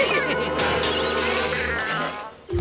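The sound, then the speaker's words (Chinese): Loud, steady bees buzzing, a dense droning hum that holds for a couple of seconds before briefly dipping and cutting off at the end. “蜜蜂，你在哪儿呢？”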